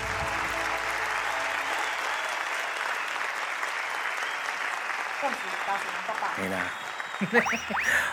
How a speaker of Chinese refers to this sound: 感谢大家满满的掌声啊！ 谢谢大家。